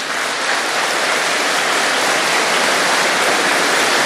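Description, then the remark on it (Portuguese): A crowd applauds in a dense, steady wash of clapping that holds at an even, fairly loud level for about four seconds, with no voices over it. “E é esse Deus que cuida de nós, a nossa salva de palmas também.”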